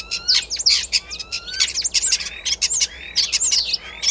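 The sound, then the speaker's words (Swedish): A starling sings a dense, continuous stream of varied chirps, clicks and sliding whistles, mimicking the calls of other animals, including a greenshank, a crane, a fox and a common snipe. Fairly loud, with no voices. “Ska vi ta och lyssna på vad du och Mats Ottosson hör för andra djur här när, som staren härmar?”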